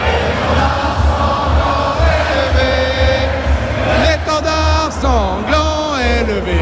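A large crowd of about 6,000 football fans, faces painted blue, white and red, cheers and shouts continuously at the Zénith in Dijon, France, watching the match on a big screen on 14 July, with individual voices whooping and yelling above a dense, loud roar of the crowd.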